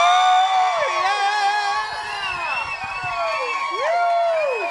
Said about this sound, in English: Big round of applause.